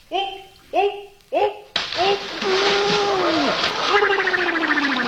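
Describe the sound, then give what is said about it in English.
Three short rising vocal calls, then a sudden loud splash of a man jumping into a pool, followed by several seconds of churning, spraying water with excited voices mixed in. “Oh, holy cow, he knocked half the water out of the pool.”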